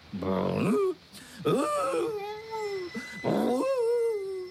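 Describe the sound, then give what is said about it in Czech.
A St. Bernard dog whines and growls in three drawn-out, wavering bursts, the first rough and low, the later ones higher and moaning, fairly loud with brief pauses between. “Na kňoč, totiž podívej.”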